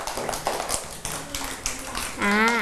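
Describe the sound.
A group claps in a quick, uneven patter of sharp hand strikes for a couple of seconds, then a voice starts speaking as the applause fades.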